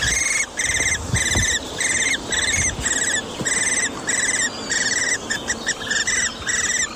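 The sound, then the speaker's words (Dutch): Young Eurasian hobby chicks squeak insistently from a tree hollow in the Appelbergen nature area just south of Groningen, in a steady series of short, high, buzzy begging calls, roughly two per second, loud and continuous over a low rumbling background, with no voices. “loopt in natuurgebied Appelbergen, net onder Groningen, en hoort daar vanuit een boomholte gepiep. Wat zou dat wezen? Even de app erbij en ja hoor, jonge boomvalken.”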